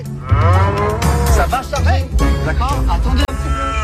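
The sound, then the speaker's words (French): A cow moos loudly at a farm near Caen, a drawn-out, wavering bellow that rises and falls in pitch over several seconds with a deep rumble underneath. “À l'origine, avec Jonathan, on avait eu l'idée de mettre une vache place Saint-Sauveur.”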